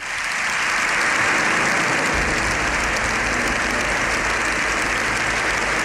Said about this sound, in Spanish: El aplauso de los diputados y senadores se ha extendido unos 7 minutos. Es el más largo que se recuerda en sede parlamentaria.